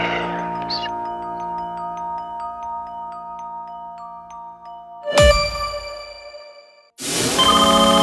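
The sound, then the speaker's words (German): A phone ringtone plays a bright, chiming electronic melody with sustained tones, then two sudden louder bursts of harsh ringing follow near the end. No one speaks. “Wenn eine unbekannte Nummer anruft, geht keiner gern ans Telefon.”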